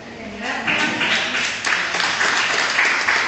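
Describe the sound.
Sustained audience applause, a dense wash of many hands clapping at fairly steady loudness, rising slightly after the first half second and continuing throughout, with faint voices mixed in.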